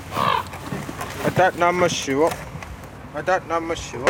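Harsh, throaty croaking calls from ravens sitting on house rooftops, several in quick succession with short pauses, loud over a steady outdoor background hum.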